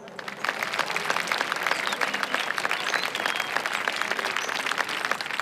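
Sustained applause from an audience, a dense, steady patter of many hands clapping at an even loudness throughout, with no voices standing out.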